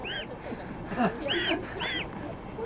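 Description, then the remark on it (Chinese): Goslings being carried and kept from getting out peep and honk in a few high, rising-and-falling calls spaced about half a second apart, over a steady low background rumble. “哇，感觉我的肩膀整个人被勒得往后带着跑，而且这还得控制着小鹅们不往外跑。”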